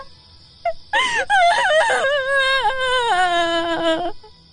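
A loud, anguished wail rises after a brief sob, a single voice crying out in long, wavering, mournful tones that hold for several seconds before breaking off, coming from a grass hut at night in the ancient land of Banquan.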